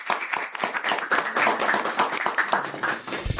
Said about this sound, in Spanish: Pero muy bien, le damos un aplauso a los chicos. Bien.